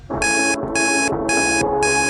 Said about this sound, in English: All you've got to do is try and work out what song you can hear playing in the background as the alarm goes off. The alarm's annoying, really annoying. So try and focus on the song in the background.